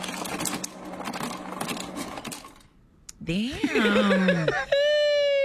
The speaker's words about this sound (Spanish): ¿Cuál es? Hielo saliendo de un refrigerador.